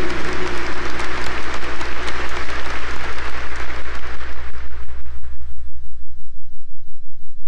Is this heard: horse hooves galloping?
no